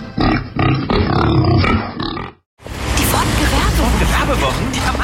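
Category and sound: animal, wild boar grunting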